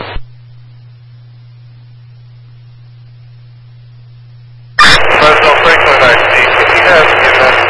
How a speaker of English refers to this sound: You're barely readable. Heavy static, go ahead.